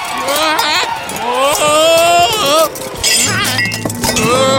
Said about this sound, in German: Ach, du faule Nuss. Jetzt ist mir alles runtergefallen.